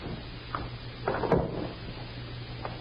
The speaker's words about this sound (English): She's unlocked three different locks to open that door. Yeah, one of her eccentricities, I guess.